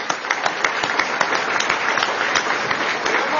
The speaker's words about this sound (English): Please give him a round of applause for the extraordinary race that he ran.